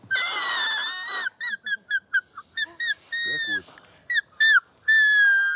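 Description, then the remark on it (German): Whistling on a blade of grass held between thumb and index finger, with the other thumb alongside to form a blow hole: a long, shrill, reedy squeal, then a rapid string of short squeaky bursts at a steady high pitch, ending on another held note. A voice briefly speaks midway. “Den Grashalm nimmt man zwischen Daumen und Zeigefinger, zieht den hier so rüber und hält den anderen Daumen hier so daneben.”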